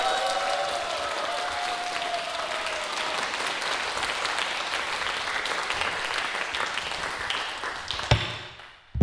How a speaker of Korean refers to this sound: 우리 제가 너무 사랑하는 이준영 고수님께도 큰 박수 부탁드립니다.